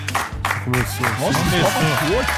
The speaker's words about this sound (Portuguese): A salva de palmas pra mim.